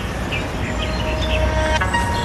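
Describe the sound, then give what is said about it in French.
Biofrequencies of stinging nettles, picked up by a device with clips attached to the leaves, turned into random musical notes: thin, sustained electronic tones at shifting pitches drift over a steady wash of background noise, with a brief flurry of notes toward the end. “Et donc là, on entend la biofréquence des plantes, c'est-à-dire que les fréquences qui sont dans la plante, qui sont changées en notes de musique aléatoires.”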